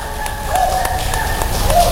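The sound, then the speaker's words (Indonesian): Steady applause from an audience, a dense wash of many hands clapping at once with a few sharper claps standing out, staying loud for the full two seconds with no one speaking. “Boleh tepuk tangannya.”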